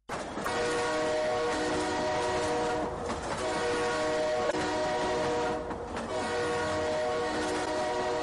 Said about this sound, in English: Oh God, train they come, train they come. You don't see the train, you don't see that.